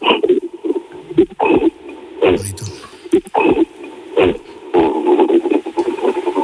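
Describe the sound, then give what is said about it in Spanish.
A person imitates the cough that gorillas make when they are angry, with a series of short, harsh, throaty bursts at irregular intervals, fairly loud, with no words spoken. “O sea, los gorilas te hacen una tos, te hacen...”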